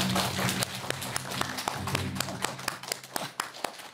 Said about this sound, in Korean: 여러분 큰 박수 부탁드리겠습니다.